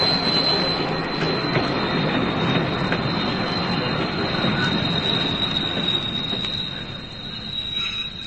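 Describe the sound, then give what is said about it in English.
A train rolls past below a window, its carriage roofs less than 4 feet below: a loud, steady rumble of carriages with a thin, high wheel squeal running throughout, easing off slightly near the end. No one speaks. “Quickly, a train's coming.”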